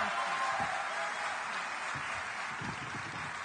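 Sustained applause of encouragement from a crowd at a Fratelli d'Italia event, for a young doctor about to speak: a dense and even wash of many hands clapping at steady loudness throughout, with no voices standing out.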